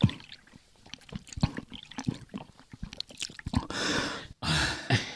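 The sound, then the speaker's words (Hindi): Gulping and swallowing sounds in quick irregular succession as a thirsty person drinks water poured by a water-seller in summer heat, followed by two bursts of water pouring steadily, fairly loud, with no talking. “जरा यहाँ आओ, इतनी प्यास लगी है, जरा पानी पिलाओ, गला सूख रहा है।”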